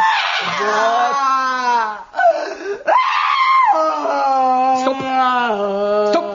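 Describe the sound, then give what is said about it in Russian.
A loud, exaggerated wailing bawl from a single voice, sustained and wavering in pitch with brief breaks, like a theatrical howl of crying that rises and falls over several seconds, performed as a flower seller crying after her bouquet of violets falls in the mud. “Ну и видя, что цветы погибли, начинаю реветь.”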